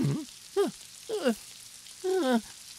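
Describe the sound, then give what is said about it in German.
A steady hiss of falling rain runs throughout, while four short, squeaky sliding tones rise and fall on top of it at irregular intervals. “Und ich glaube, ich brauche jetzt wohl dringend einen Regenschirm.”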